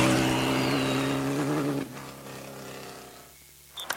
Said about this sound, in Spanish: Descubrí la moto Freedom Avatar 200 LX, una moto todoterreno, lista para cualquier camino.